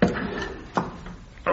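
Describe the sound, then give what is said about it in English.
A wooden chair shifts across the floor of an office with a couple of short knocks and scrapes, loud against quiet surroundings, with faint voices in the background. “Pass me that chair, would you?”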